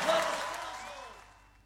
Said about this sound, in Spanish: Fuerte ese aplauso.